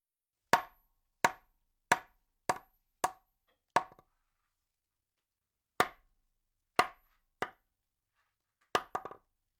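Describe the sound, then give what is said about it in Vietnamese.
Heavy knocks on a door, loud and sharp, in an uneven series of about eleven, first a run of six, a pause, then more with a quick double knock at the end. No voices. “Một từ onomatope tương tự là kong kong, dùng để diễn tả âm thanh như sau.”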